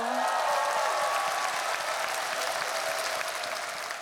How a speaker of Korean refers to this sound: 우리 안산 시립 국악단에게 박수 한번 주세요.